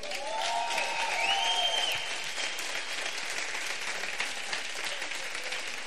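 A crowd applauds steadily, a dense wash of clapping that holds at an even level throughout, with a few faint whoops rising above it early on.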